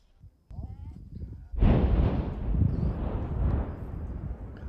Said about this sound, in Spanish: Es una explosión en medio del semiárido brasileño. Detonación de la minería, un absurdo. Nuestras casas están todas llenas de grietas.